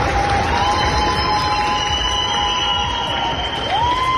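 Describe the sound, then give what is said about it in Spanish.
At an airport, a large crowd of citizens cheers and applauds departing rescue teams from Spain, Chile, Mexico and the United States, a dense wash of clapping and shouting voices, with a couple of high whistles rising above the roar. “Grupos de España, Chile, México, Estados Unidos, solo por citar algunos, se marchan con la satisfacción de haber puesto su grano de arena, y en el aeropuerto los ciudadanos se lo agradecen con una gran ovación.”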